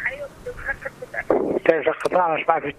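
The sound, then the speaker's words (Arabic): Muffled, band-limited sound of a radio playing at a caller's end of a phone call into a radio program, followed by a louder voice talking over the call with a thin, telephone-like tone. “الحمد لله بس لو تنقص صوت الراديو شوية.”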